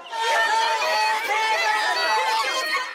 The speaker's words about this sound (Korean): 경기장에 들어갔던 국조특위위원들이 다시 밖으로 나오자 흥분한 시위대가 달라붙었습니다. 버스를 타러 이동하는 위원들을 따라가며 큰 소리로 구호를 외쳤습니다.